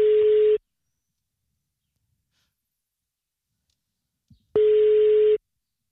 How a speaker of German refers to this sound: Und das Telefon klingelt, hoffentlich geht ran.